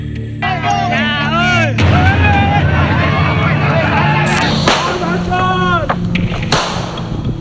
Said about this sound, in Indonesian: Polisi menggerebek arena judi sabung ayam di Polewali Mandar, Sulawesi Barat. Sebelah tembakan peringatan dilepaskan polisi saat terlibat kejar-kejaran dengan pengemudi yang berupaya melarikan diri.